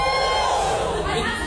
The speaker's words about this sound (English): Give us a cheer.